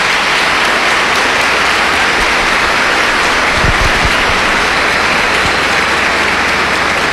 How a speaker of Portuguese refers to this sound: Uma salva de palmas para os introdutores.